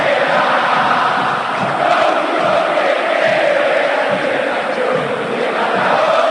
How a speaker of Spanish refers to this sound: Grita la cancha de River. En las malas también se grita en el Estadio Monumental.